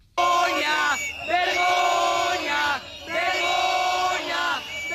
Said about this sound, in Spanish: Además, también hubo tensión dentro de la consellería con cargas y el desalojo de los concentrados que gritaban.